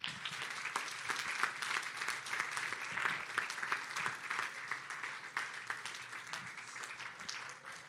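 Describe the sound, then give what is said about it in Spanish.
Sustained applause from an audience at a Spanish-language worship service, applauding the King (God): a dense, steady wash of many hands clapping at an even loudness for the whole stretch, with no voices standing out. “Denle un aplauso al Rey.”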